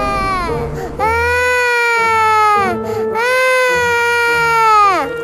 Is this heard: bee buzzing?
no